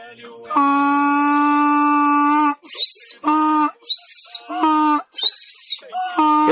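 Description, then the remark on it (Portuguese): A person imitates a donkey's bray: one long drawn-out note, then several loud alternating squeaky high and low honks in a rapid hee-haw rhythm, without other talk. “E o vovô vai chegar lá de jumento, desse jeito aí.”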